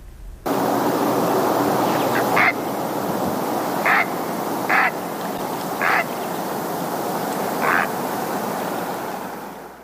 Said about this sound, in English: We're going to end today with the great blue heron. Just a little reminder of what that dinosaur bird sounds like.